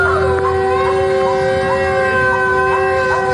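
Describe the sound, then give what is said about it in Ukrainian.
A continuous air raid alert siren wails steadily in the centre of Kherson, Ukraine, its sustained tones holding without a break over a low background rumble. “У Херсоні звучить тривога. До речі, дуже такий специфічний, безперервний звук.”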